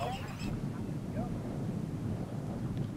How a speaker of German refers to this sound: Die gefräßigen Gänse, eines von vielen Problemen. Ein wachsendes, denn die Gänse werden von Jahr zu Jahr mehr. Ein Inselproblem.